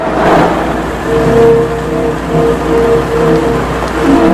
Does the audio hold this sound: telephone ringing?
no